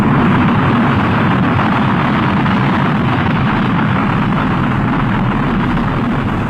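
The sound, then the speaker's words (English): A spaceship landing: a loud, steady roaring rumble of engines that fills the whole stretch without letup, powerful, with no voices. “Or a spaceman landing on Mars.”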